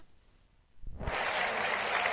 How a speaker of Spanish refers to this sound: Qué bonito. Un aplauso para...